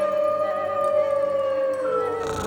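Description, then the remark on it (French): A long, steady howl holds one mid-pitched note for a couple of seconds, then slowly slides downward. It sounds like wolves howling, with no talking. “Eh bien, tout simplement parce que des lions et des loups se promènent tout autour.”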